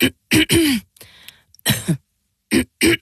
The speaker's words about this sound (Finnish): Hei, älä suotta köhi.